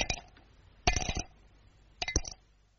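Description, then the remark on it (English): Cape Plum stones clink onto a dish in three bright, ringing bursts about a second apart. Each burst is a quick cluster of hard little taps, and no one speaks. “Inside every Cape Plum, there's a nice clean stone asking to be let out. There's a very sweet sound to Cape Plums when you have them for afters.”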